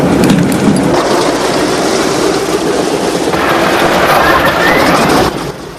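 A B-17 bomber's engines roar to life as its propellers begin to spin: a loud, dense, rumbling wall of noise with a rattling texture, joined midway by a rising whine as they rev up, before easing off at the end.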